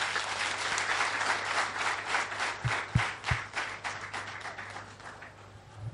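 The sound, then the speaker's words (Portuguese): A crowd at the inauguration of the Doha District Court applauds steadily, dense overlapping claps forming a continuous wash of sound that holds for several seconds, with a low steady hum underneath and a few sharper thumps midway. “Parabéns a todos e uma grande salva de palmas.”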